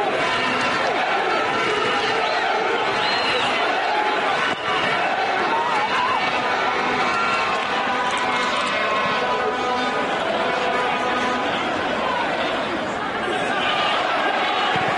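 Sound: football crowd chanting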